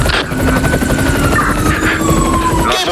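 A helicopter, an aerial mobile unit, drones steadily throughout as it descends, with a dense, throbbing rotor rumble and thin whining engine tones riding above it. No one speaks.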